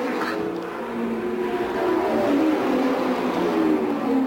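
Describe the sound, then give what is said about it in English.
A race car's engine drones steadily and climbs in pitch as the car leaves the pit and goes back out onto the track after an average pit stop, a continuous loud mechanical whine with layered harmonic tones and no talking. “Foyt just went up and checked with George Snyder, handed him something to drink, and the car goes back out on the track in what would be about an average pit stop.”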